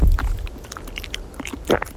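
Someone munches a crunchy snack in Brittany, France, with irregular crisp crackles of chewing and one louder crunching bite toward the end, over a low rumble of wind.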